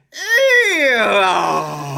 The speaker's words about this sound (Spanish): En la introducción a este programa se escuchaba el rechinar de una puerta de bóveda que se abría en medio de un eco.